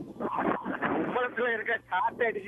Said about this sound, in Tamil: காற்று அடிக்குது